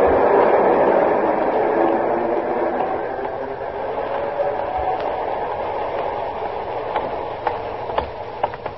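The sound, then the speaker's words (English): The cars of a six-car train roll past in a steady, loud rumbling roar that eases slightly over time, with a few sharp metallic clacks breaking through near the end. “Six cars. Not many passengers, Captain.”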